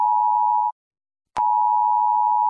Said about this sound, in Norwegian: Hei! Dette en viktig melding fra politiet og sivilforsvaret. 10. juni klokken 12 testes nødvarsel på mobil.